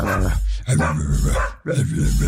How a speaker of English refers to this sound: Basically, I play the sound of a dog barking on the radio. You've just got to figure out what breed of dog that dog is.